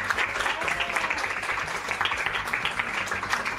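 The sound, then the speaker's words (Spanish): Steady audience applause for all the staff at an association's 19th anniversary fills the whole stretch, a dense wash of many hands clapping at an even, moderately loud level with no voices rising above it. “Y para todos los colaboradores y todas las colaboradoras va este aplauso y este saludo de parte de Fray Rafael Pozo.”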